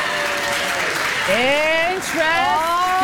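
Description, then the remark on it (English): A crowd applauds in a steady, dense wash of clapping for about three seconds, with a few loud voices whooping and calling out over it. “You know, even if people who are clapping in the audience don't call themselves feminists, you actually are, because you are trying to challenge the very patriarchal naming system that exists for us, right?”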